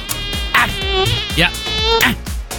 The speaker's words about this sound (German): Na, da war so eine. Eine Mücke. Plötzlich einen überrascht und dann doch sticht.